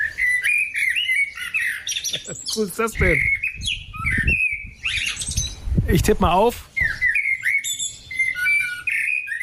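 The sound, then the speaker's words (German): A blackbird sings a lively stream of clear whistled phrases and chirps on a small terrace, fairly loud throughout, while a voice talks briefly over the song. “Ich würde auf Amsel tippen. Sehr schönes Konzert.”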